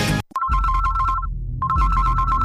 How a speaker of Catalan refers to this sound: Una altra cridada pels deutes? Una altra vegada el telèfon que no atura de sonar?